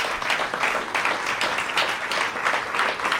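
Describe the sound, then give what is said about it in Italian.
Sustained audience applause after Britten's Suite Op. 6 performed by Irene Fiorito on violin and Cédric Pescia on piano: many hands clapping in a dense, steady crackle at a moderate, even level throughout, with no voices standing out. “Un applauso anche da parte nostra. E sono sicura che stanno applaudendo anche gli ascoltatori in antenna.”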